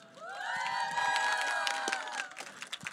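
A crowd claps and cheers loudly, with sustained high whoops and shouts riding over steady hand clapping for about two seconds, then thinning into scattered claps.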